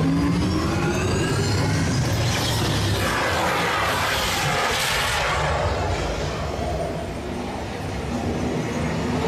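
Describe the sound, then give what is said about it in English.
A simulated car engine revs and roars continuously over rough, gritty rumbling, driving off-road in extreme weather, surging loudest midway before settling back to a steady drone. “Commencing sim car off-road in extreme weather sequence.”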